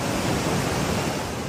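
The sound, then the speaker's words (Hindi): A steady, loud roar of rushing floodwater in Poonch after torrential monsoon rain since late night fills the short stretch, broad and continuous with churning waves and no pauses or voices. “लहरों का ये शोर डरा रहा है,”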